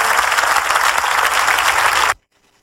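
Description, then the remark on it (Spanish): Loud, dense applause from a crowd, given to the Lord, many hands clapping at once in a steady wash of sound, then cutting off abruptly into near silence after about two seconds. “Démele fuerte ese aplauso a Él.”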